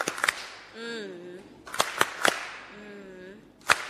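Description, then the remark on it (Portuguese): Scattered, sharp hand claps come in short bursts rather than a steady wash of applause. Two stretches of sustained voice sit between them, one in the first half and one in the second. The applause is for the speaker from Zambézia province, whose speaking time has run out. “Tempo esgotado para a província da Zambésia. Palmas carinhosas.”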